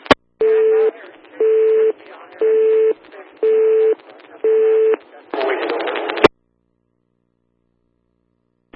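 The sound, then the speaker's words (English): A telephone tone comes through a radio channel, beeping five times in an even on-off rhythm over static, followed by a short burst of noise and an abrupt cutoff to silence. “There was a dial tone, over.”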